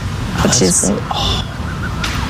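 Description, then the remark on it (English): Several short, high-pitched calls and yaps from a family of foxes come in quick bursts over steady background noise, with a couple of fainter chirps near the end. “these foxes can sometimes cry out during specific situations like danger, but can also make noises of affection during more menial social contact, even something as simple as family interactions.”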